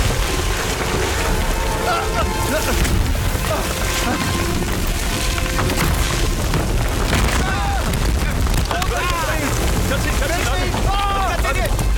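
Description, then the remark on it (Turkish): A gas line explosion roars loudly and continuously, a dense rumbling blast of noise that fills the whole stretch, with people shouting urgently over it. “Gaz hattında patlama var.”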